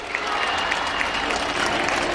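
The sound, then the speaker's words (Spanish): A crowd applauds steadily, a dense wash of clapping hands filling the whole stretch with no pauses and faint murmuring underneath, as the boat carrying San Telmo and the Virgen del Carmen touches the water in Puerto de la Cruz. “La gente que arranca con los presentes, con aplausos”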